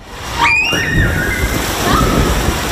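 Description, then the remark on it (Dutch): A splash as someone jumps into the swimming pool of Zwembad Het Bund in Urk, reopened ahead of schedule after renovation of its tiles, followed by steady sloshing water, with high, sliding shouts and voices rising above the noise. “De verlossende sprong.”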